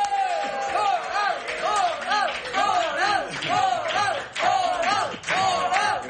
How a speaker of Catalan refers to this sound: Rebem amb un fort aplaudiment a Xavi Coral.